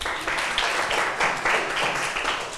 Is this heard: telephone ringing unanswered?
no